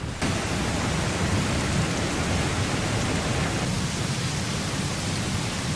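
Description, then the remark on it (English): A dense, steady hiss of rain pours down without pause in mid-March, even and fairly loud across the whole stretch, with no voices or other distinct sounds standing out. “In mid-March, it started to rain, and it didn't stop for days.”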